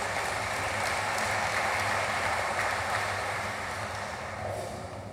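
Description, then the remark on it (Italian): Sustained applause from a large audience, a dense steady patter of many hands clapping that stays strong throughout and eases slightly toward the end, with no voices over it. The applause is for Riccardo Guariglia, secretary general of Italy's Ministry of Foreign Affairs and International Cooperation, as he is called to the stage. “Vi chiedo un quarto applauso per il segretario generale del Ministero degli Affari Esteri e della Cooperazione Internazionale, il dottor Riccardo Guariglia, che chiamo sul palco.”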